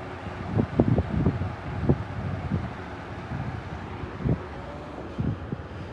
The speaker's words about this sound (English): And to my right, a freight liner train is easing its way down the train tracks and hear its rumble.